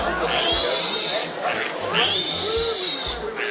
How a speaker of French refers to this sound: Ben non, Vivienne, puisque c'est son nom, n'est encore qu'un porcelet, mais figurez-vous, c'est un porcelet qui crie très très fort.